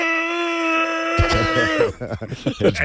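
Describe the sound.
A voice imitates a Tyrannosaurus rex roar, performed by someone who has a cold, starting with a long, steady, high-pitched wail that breaks into loud, rough, rasping growls in uneven pulses.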